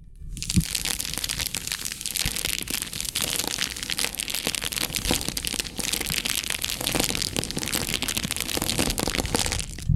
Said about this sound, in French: Le crépitement de la flamme.